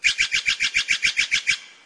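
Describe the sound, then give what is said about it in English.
A Steller's Jay gives a rapid, even series of about eleven harsh, raspy notes, loud and alone, the final note trailing off slightly. “This is the Steller's Jay.”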